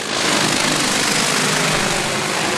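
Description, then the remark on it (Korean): A large drone flies over a livestock barn during a record heatwave, spraying cold water onto the sun-heated barn roof to cool it. It makes a steady, loud, high-pitched whirring buzz of spinning rotors, a continuous engine-like drone holding at one level the whole time, with no voices. “대형 드론이 날아오르더니”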